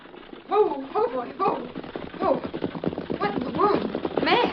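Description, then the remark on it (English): A horse-drawn wagon approaches, its hooves clip-clopping in a steady rhythm, with murmured voices talking over the clatter. “somebody come. It's a horse and wagon.”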